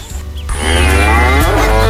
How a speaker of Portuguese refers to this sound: E a vaca mugiu.